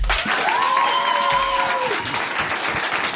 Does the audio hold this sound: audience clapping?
yes